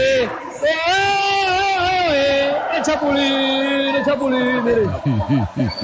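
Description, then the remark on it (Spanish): Football fans at the World Cup, waiting for a Colombia match, sing a loud, drawn-out chant, voices holding long steady notes for several seconds before breaking into cheering and shouts at the end. “pero aquí ya la gente está ubicada, la gente canta, están felices.”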